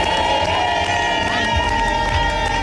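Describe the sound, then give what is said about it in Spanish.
Players of a women's team sing their locker-room war chant, taught to them by captain Alba Torrens, together in unison, loud and steady throughout, with a sustained tone and rough, shouted edges. “Lo han cantado todo y a las jóvenes les ha tocado aprenderse el cántico de guerra, el que les ha enseñado la capitana Alba Torrens y que lleva en ese vestuario muchos años.”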